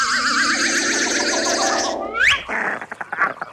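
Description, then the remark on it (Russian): A flock of wild geese, from Selma Lagerlöf's tale The Wonderful Adventures of Nils, honks in a dense, overlapping chorus of nasal calls for about two seconds. One rising call follows, then scattered, choppier honks and flutters. “Надо идти потише, а то гуси испугаются и улетят.”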